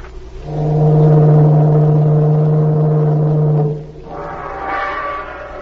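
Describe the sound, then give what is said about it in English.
A deep, loud ship's departure whistle, signalling all ashore, blasts steadily for about three seconds with a low droning tone and rich harmonics, then cuts off, followed by a fainter, higher wavering tone. “All ashore, let's go ashore. Yeah, the whistle.”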